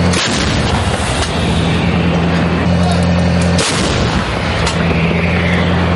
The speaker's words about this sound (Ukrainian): Один за одним в бік штурмових груп рашистів вилітає майже десяток снарядів. Ось так, навіть треба шолома тримати, аби не злетів. Так працює 155-й калібр Паладіно.